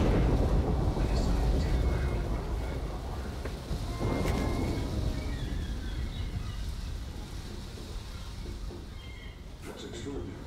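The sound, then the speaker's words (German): Deep, sustained rumbling of thunder fills the scene, loudest at the start and slowly fading, with a brief sharper crack partway through and faint rain-like hiss underneath. “Sag bloß, du hast Angst vor Gewitter.”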